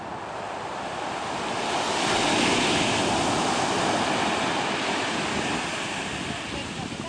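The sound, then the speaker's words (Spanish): Ocean ground swell waves crash onto a beach on the Guerrero coast of Mexico around Acapulco in a continuous roaring wash that builds to a louder surge midway and then eases, with some wind noise and no voices. “algunas playas de nuestra franja costera del estado de Guerrero, Barra Vieja, Barra de Coyuca, Pie de la Cuesta, se vieron afectadas por el mar de fondo que sigue presente en Acapulco.”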